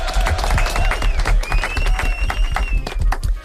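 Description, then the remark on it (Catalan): A group breaks into steady, lively applause with many hands clapping at once, filling the full few seconds, with faint high whistling tones drifting over the clapping. “Ho heu fet superbé. Aplaudiments.”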